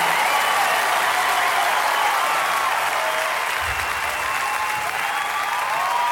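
Steady, sustained applause from a large audience fills the whole stretch, a dense wash of clapping with no voices breaking through, holding at an even loudness throughout.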